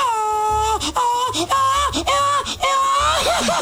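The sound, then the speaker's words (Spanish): A voice lets out a string of long, high-pitched mariachi gritos, wailing cries that rise and fall with short breaks between them and end in a warbling, trilling yelp. “¿Alguien ha enviado gritos de mariachi?”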